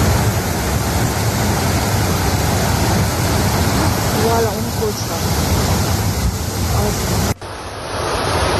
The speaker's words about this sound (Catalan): L'aigua baixava amb tantíssima força que es van dur cotxes i va convertir carrers sencers en autèntics rius